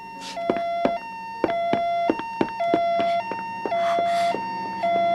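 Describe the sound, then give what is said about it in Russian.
A police siren from police cars arriving at a house wails in a repeating two-tone high-low pattern, steady and fairly loud throughout, with a few sharp clicks and no voices. “Полицейские машины почти на месте. Ты слышишь сирену?”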